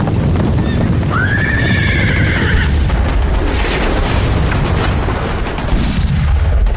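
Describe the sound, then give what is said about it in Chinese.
Dense, rumbling artillery cannon fire rolls on continuously in the low end, loud, while a horse whinnies sharply early on, with no talking. The cannon fire comes from the direction of the Great Wall at Hubeikou and reaches the city of Beiping, in March 1933, as Japanese troops drive into North China. “湖北口长城方向的隆隆炮声传到了北平城。”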